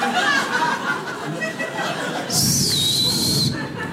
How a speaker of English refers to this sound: the whistler, you guys know what I'm talking about. You've been whistling me all night.